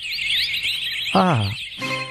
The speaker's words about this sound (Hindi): ऐसा लग रहा है चिड़ियों की चहचहाट दोपहर में सुबह कैसे हो गई है।